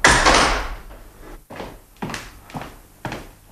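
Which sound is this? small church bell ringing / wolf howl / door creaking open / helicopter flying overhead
door creaking open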